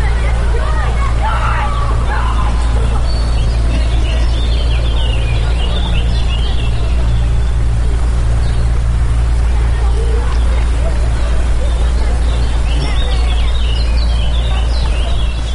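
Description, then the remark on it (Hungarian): A busy scene at a boathouse by the water, with lots of overlapping young children's voices, shouts and calls over a steady low rumble, the bustle of little kids getting boats onto the water continuing throughout. “Hú, itt fent egyébként a csónakháznál nagyon nagy a sürgésforgás, mert hogy a picik most szállnak vízre”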